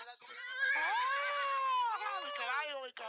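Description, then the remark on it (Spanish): A loud horse whinny stretches for about three seconds, its pitch rising, wavering and then falling away, with no other sounds around it. “sácate el caballo, Ringo, sácate el caballo. Saca mi caballo para bailar”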